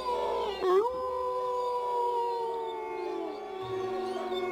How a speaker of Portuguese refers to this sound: Todos pensaram o mesmo. São lobos. Lobos?